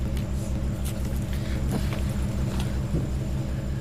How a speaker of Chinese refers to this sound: 这冰箱怎么这动静？是不是坏了？ 正修着。